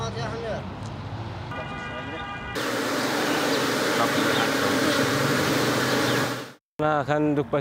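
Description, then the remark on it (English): A dense, steady buzz of many bees at a bee farm swells up loud for several seconds, then cuts off abruptly; voices and other sounds are heard before and after it. “The beekeeper takes a bee and stings the pain.”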